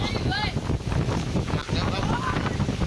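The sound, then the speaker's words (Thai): Strong storm wind with rain roars and buffets the microphone in a steady, heavy rush at the Chai Fa Academy football training ground in Lopburi province, Thailand, with gusting turbulence throughout and faint voices caught underneath the noise. “พายุลมครับตอนนี้ไม่ไหวแล้วครับเด็กไม่ไหวแล้วครับอยู่กันไม่ได้แล้วครับ”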